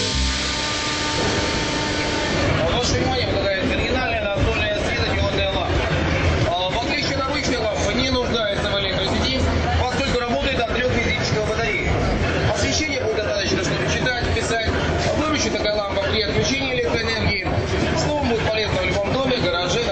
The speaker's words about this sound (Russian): переезд между станциями метро Волгоградский проспект, Текстильщики. 12 часов 15 минут.